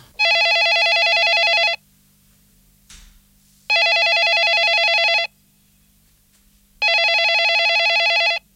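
A telephone rings in three loud, steady bursts of about a second and a half each, separated by silent pauses, with a faint low hum underneath and no voices.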